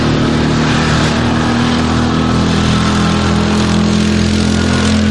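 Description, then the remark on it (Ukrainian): A quad bike engine rumbles steadily, a continuous throaty drone with strong low harmonics that holds at a fairly even pitch for several seconds, with no voices. “Або навіть гуркотіння мотору квадроцикла.”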